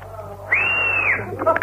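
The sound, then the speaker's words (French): A person gives one loud whistle to call someone over, lasting under a second, its pitch rising slightly then falling away, followed by a few brief chirpy notes over a low background rumble. “Encore, comme ça, je siffle encore.”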